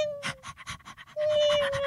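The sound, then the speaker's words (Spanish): A small dog pants rapidly and steadily, quick breathy puffs in an even rhythm, with a thin steady whine-like tone running underneath. No one speaks. “Un perrito y una gatica.”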